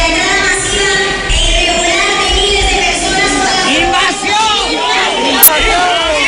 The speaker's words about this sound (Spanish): Cientos de personas interrumpían así el manifiesto que leía la alcaldesa del Partido Popular al grito de invasión. Es un grito, un cántico que se ha repetido en buena parte del país.